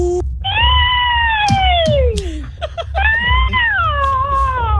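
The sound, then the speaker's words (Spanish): A voice attempting a witch's screech during a phone audition for a witch house, coming out sounding like a cat: two long, loud, wavering yowls that slide downward in pitch, with brief sharp noises between them over a low rumble. “Después del sonido digital, me hace falta que usted haga el sonido de la bruja.”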